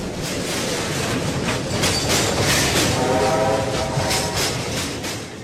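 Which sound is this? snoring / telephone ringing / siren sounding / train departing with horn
train departing with horn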